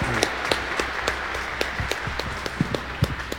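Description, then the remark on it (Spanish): An audience applauds together in honour of the Virgin Mary, Our Lady of El Quinche, a steady wash of many hands clapping at moderate volume with scattered sharper claps standing out, sustained throughout with no voices on top. “¡Que viva la Virgen María! ¡Que viva! Un aplauso para ella.”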